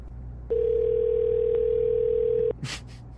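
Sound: telephone line ringing tone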